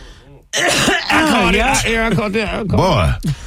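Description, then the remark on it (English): A person coughs and chokes loudly for about three seconds, a run of strained, voiced hacking and sputtering with throaty gasps, after a brief quieter moment at the start. “That type of made you cough like that.”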